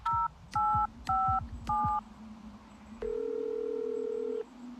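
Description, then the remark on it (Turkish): Four short two-tone keypad beeps sound in quick, even succession as a phone number is dialed to call an ambulance, followed by a long steady electronic tone over a low background hum. “Ambulans arayın çabuk.”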